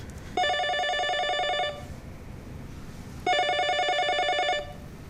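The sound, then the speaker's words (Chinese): A home telephone rings twice, each burst a bright, buzzing electronic trill lasting over a second, separated by a pause of similar length. No one speaks. The caller is a real estate agent. “怕什么呀？他又不知道我们家电话号码。”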